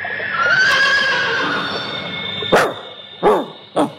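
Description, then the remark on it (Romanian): A horse lets out a long, quavering whinny lasting a couple of seconds, followed by three short, sharp bursts of sound, with no talking. “Pentru căluț!”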